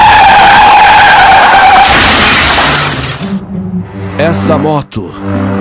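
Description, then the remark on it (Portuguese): On a highway, a car's tires squeal loudly and high for about two seconds as it swerves to avoid a sharply braking truck, then a sharp crashing burst as it hits a motorcycle, with people talking afterward. “Esse carro se jogue do lado para não pegar o caminhão e bate na moto.”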